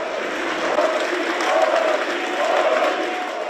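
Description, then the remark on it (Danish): Party members chant the name of lead candidate Ulrich Siegmund together in a steady rhythm at night after his speech following a state election, the massed voices rising in repeated surges over a constant roar of cheering. “Og med en fremgang på 23 procentpoint fra valget i 2021 og partiets bedste valg i en delstat nogensinde, så råbte medlemmerne taktfast spidskandidatens navn.”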